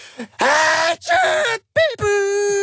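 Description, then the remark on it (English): A person loudly imitates a dad's sneeze: a short intake, then three strained, breathy vocal bursts, the last stretching into a long, steady, wailing note. “I'd always ask my mum, is dad going to be there? Because I was worried that he would sneeze.”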